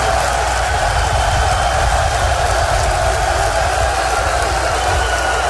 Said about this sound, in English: Clap loud if you're a real man.